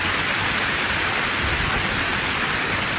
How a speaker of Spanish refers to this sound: Dele un fuerte aplauso a la palabra del Señor, mi querido hermano, mi querida hermana.